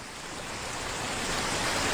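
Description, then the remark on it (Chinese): The Yellow River's flowing water rushes steadily at the bank by the Huayuankou hydrological station, a dense, continuous hiss that swells slightly over two seconds, with no voices. “我现在的位置是花园口水文站。刚刚我从这里取了一瓶黄河水，这瓶水里有泥沙，也有故事。”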